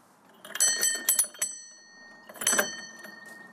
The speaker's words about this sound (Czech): Zazvonil jsem, no, ještě zaklepu pro jistotu.